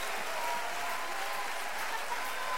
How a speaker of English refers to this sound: Let's really applaud the Lord in this place tonight. Come on. For all that he's done, for all he's going to do.